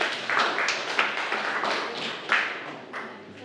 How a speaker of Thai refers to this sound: ถูกต้องครับปรบมือให้เพื่อนด้วยครับนักเรียนครับ